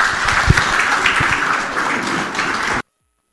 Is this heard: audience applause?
yes